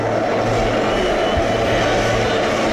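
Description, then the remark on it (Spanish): Deportivo de La Coruña fans singing and chanting in the rain at the José Zorrilla stadium, a dense, steady wash of many voices that stays loud and unbroken for the whole stretch, with no single voice standing out. “Es bueno, el hábitat natural en Galicia, y ahí los tenemos cantando y haciendo que se escuche este pequeño Riazor, que soy el José Zorrilla.”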